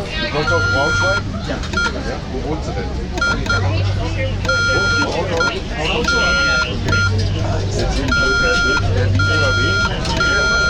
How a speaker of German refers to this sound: Morsen machen nur noch die Funkamateure und das Militär. Die Marine zum Beispiel. Und das Morsen gehört zum Weltkulturerbe. Und wir als Funkamateure halten das aufrecht.